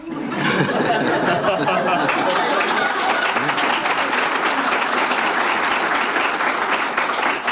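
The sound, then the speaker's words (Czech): An audience of women bursts into steady, sustained applause that fills the whole stretch, loud, with faint laughter and murmured chatter mixed in beneath the clapping. “Stačil jsi si povšimnout toho, kdo teďka tleskal? Ženy.”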